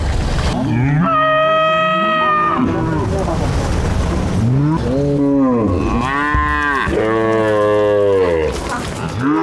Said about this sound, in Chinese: 云岭牛，这些来自澳大利亚的婆罗门牛和莫雷灰牛与云南黄牛的杂交后代，在这里自在生长。